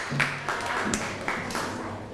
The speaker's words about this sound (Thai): ถ้าตอนนี้พร้อมแล้วเดี๋ยวให้กลุ่ม4นั้นขึ้นมาบนเวทีได้เลยครับขอเสียงปรบมือให้กับกลุ่มที่4ด้วยครับ